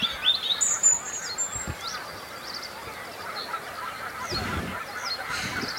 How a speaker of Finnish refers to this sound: No, kyllä siellä on hanhi poikineen varmasti äänen perusteella. Joo, tuolla ihan matalalla. Kyllä nyt kiikarillakin erottuu nippana. Siis ihan veden pinnassa, kun ne menee.